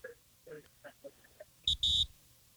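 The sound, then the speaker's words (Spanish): A phone buzzes with incoming message alerts: two short, loud, harsh buzzes with a bright electronic tone, one right after the other, following a moment of quiet talking. “Escuche, así está mi teléfono ya.”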